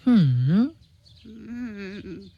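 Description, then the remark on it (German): A raven call: one loud, drawn-out croaking cry with a dipping pitch, followed after a short pause by a softer, longer second call, heard alone without talking. “Ach, du kluger, hübscher Rabe, wirst du deiner Freundin denn nicht helfen wollen?”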